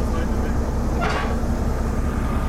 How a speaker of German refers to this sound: Hier auf dem Bahnhof in Seebruck rangiert eine rote kleine alte Diesellok. Einen offenen Güterwagen hat eben angesetzt.